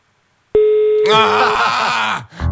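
A steady, fairly loud telephone busy tone from a call placed from a radio studio that did not get through, sounding for about a second, then swamped by a burst of busy, warbling voices or music before cutting off.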